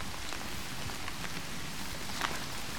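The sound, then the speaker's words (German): Steady rain falls on a moor, a continuous soft hiss dotted with individual drops pattering, with no voices present. “Ja, also wenn man die Umgebungsgeräusche etwas hört, so ist es leicht zu hören, dass es regnet.”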